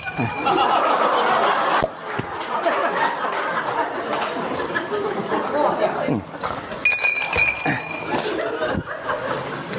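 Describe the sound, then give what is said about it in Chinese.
Wine cups clink together as Cao Cao and Liu Bei toast over freshly warmed wine, a bright, short ring amid lively overlapping chatter and soft chuckling from several people. “哎，干！ 你慢点，你那别碰碎了，我这。”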